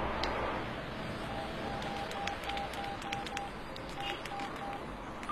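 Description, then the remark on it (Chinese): A mobile phone number being dialed: about a dozen short, clear keypad beeps in a quick, slightly uneven sequence over a steady background hiss, with no talking. “打他的手机吧。”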